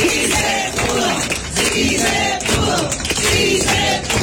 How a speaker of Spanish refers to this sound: Sí, finalmente un aplauso, ¿no? Así como se está dando ese aplauso